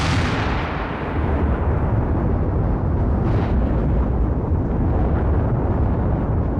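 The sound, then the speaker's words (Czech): A single thunderous bang from a packed tobacco pipe, set off by a spark struck from flints, bursts out at the start, then a heavy, rolling rumble of smaller bangs and crackles continues loudly for several seconds with no voices. “A fajfka pouchla jako hrom.”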